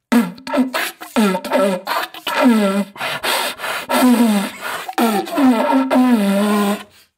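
A deer call lure is blown in a rapid, beatbox-like series of short, raspy grunting blasts, each with a buzzy low tone that swoops down in pitch, with no talking over it.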